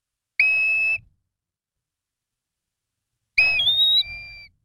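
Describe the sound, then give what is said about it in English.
A black-bellied plover at the Cape gives two clear, plaintive whistled calls separated by a few seconds of silence; the second is longer, slurring up and then dropping in pitch. Loud, with no talking. “we're at the Cape enjoying some sun and relaxation, looking for birds down there, and black-bellied plovers can be found this time of year.”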